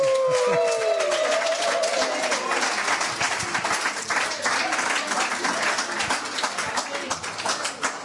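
A crowd applauds steadily, dense overlapping claps filling the whole clip at a fairly even, loud level, with a brief tonal whistle-like sound at the very start.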